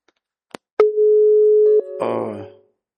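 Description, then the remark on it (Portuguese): A steady electronic telephone line tone on an incoming call holds for about a second after a couple of clicks, then shifts pitch briefly before breaking into a burst of noisy line static. “Tá ligando aí. Alô, você do telefone, boa tarde.”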